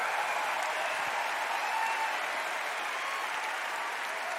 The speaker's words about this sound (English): Please give another big round of applause for this incredible cast.